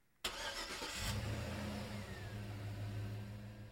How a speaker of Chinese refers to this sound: 这首歌很应景，对不对啊？开这个歌曲的前奏一刚开头就是车子的引擎发动声